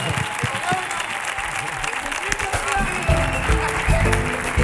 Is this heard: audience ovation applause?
yes